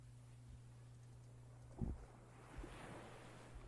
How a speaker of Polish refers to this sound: jakaś muzyka by się przydała, bo te fale to są usypiające. Przysnę zaraz.